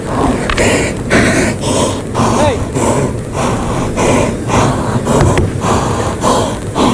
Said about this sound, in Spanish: Ahí oímos al toro. Mucha voz.